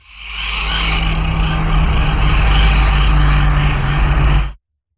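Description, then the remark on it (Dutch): A dense, steady chorus of chirping crickets fills the air, loud, with a low rumbling hum underneath, running for about four and a half seconds before cutting off abruptly; it is the radio-play-like opening of a summer hit song. “Ik zijn bij jou ook krekelgeluiden, of niet?”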